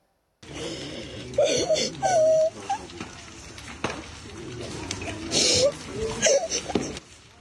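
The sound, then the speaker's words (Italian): A young child cries in loud, broken sobbing bursts and wails in front of the rubble of what was once their home in Kyiv, Ukraine, after a night of Russian drone and missile attacks, over a steady background hiss with some faint voices. “L'ennesima notte di terrore a Kiev rimbalza sui social, scandita dal pianto di un bambino davanti alle macerie di quella che una volta era la sua casa.”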